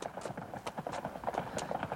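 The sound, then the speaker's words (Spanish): Horses approach with a steady clip-clop of hooves, many quick overlapping beats at a brisk trotting rhythm, moderately loud, with no voices. “Oigo caballos.”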